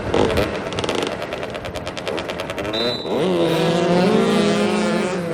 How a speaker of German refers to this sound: Motoball heißt, vier Spieler pro Mannschaft rasen auf Motorrädern über ein asphaltiertes Fußballfeld und versuchen, einen 40 cm großen, 1 kg schweren Ball im gegnerischen Tor unterzubringen.